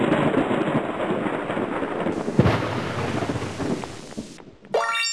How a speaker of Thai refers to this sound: เมื่อเราได้ยินเสียงดังแบบนี ้เราก็รู้ทันทีว่าข้างนอกนั้นมีพายุฝนฟ้าคะนอง